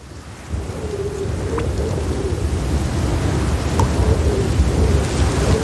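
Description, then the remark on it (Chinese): A continuous, heavy low rumble of an avalanche of snow, building slightly and holding steady for several seconds, with a faint hissing texture and a couple of soft cracks on top. No voices. “只有等雪崩停止，才能看清它造成的破坏有多大。”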